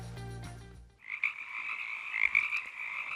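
Frogs croak in a steady, rapid trilling chorus, fairly loud and high-pitched, with no voices. A brief low tonal sound plays just before the croaking starts.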